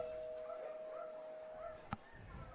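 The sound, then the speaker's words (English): Several dogs bark faintly after a double ring of a doorbell, their short yelps and whines overlapping against a steady high hum, with one sharp click near the end. “The doorbell finally gets some dogs to bark now. They're all going off now. That was a double doorbell.”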